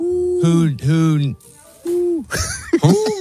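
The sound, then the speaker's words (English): A person imitates an owl, giving two drawn-out, wavering hoots in quick succession, then a shorter hoot, fairly loud, followed by brief scratchy vocal sounds. “Yeah, it's gotta be hoot hoot.”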